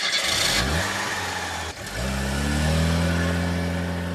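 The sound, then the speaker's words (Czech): A car engine revs and accelerates as a couple drive off, pitch climbing, then briefly dips as it shifts gear before pulling steadily onward. The engine sound is fairly loud, with no voices. “Pak se inženýrovi rozloučili, paní pohladila Kopyta po vlasech, nasedli do auta a odjeli.”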